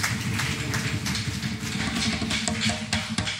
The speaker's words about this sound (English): I appreciate it. Let's get them a round of applause again. Huh? Let's get them a round.